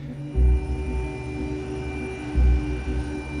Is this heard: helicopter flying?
yes